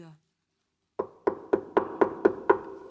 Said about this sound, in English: When Frisky returned to his warm, cozy treehouse after a winter walk, Spotty, the great spotted woodpecker, sat in front of the door. Spotty thought that Frisky must be at home and desperately knocked on the door.